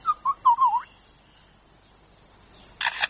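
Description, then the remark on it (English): A male mimic bird gives a quick run of five or so warbling whistled notes, falls quiet, then produces a sharp double click-clack that mimics a camera shutter. “He also, in his attempt to outsing his rivals, incorporates other sounds that he hears in the forest. That was a camera shutter.”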